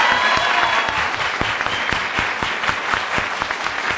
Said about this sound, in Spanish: Que se escuchen fuertes los aplausos, por favor.